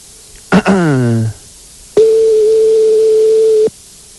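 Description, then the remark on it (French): A telephone ringback tone on a call to McDonald's: one steady, fairly loud beep held for nearly two seconds, preceded by a short downward-sliding electronic chirp and brief silence. “C'est parti, ça sonne.”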